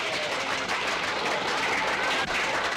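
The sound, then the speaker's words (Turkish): Steady crowd applause, a dense wash of many hands clapping that holds at an even, fairly loud level throughout without pauses or a clear rhythm. “Siz beni değil, ben sizi alkışlamalıyım.”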